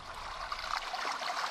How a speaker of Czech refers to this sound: Za chvíli se voda trochu zavlnila, ale to se vydávala na lov vodní krysa zvaná Tereska.